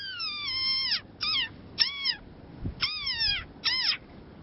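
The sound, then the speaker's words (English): A tiny desert rain frog, a threatened species, gives five shrill, squeaky calls, some drawn out and some short, each bending downward in pitch at the end, with a soft thump between them and no talking. “Now on NewsHour, its high-pitched squeak has made the tiny desert rain frog an internet sensation.”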